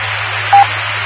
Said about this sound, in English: I'm trying to disconnect. I'm having a problem with the DTMF tones. I'm just going to do it from the computer.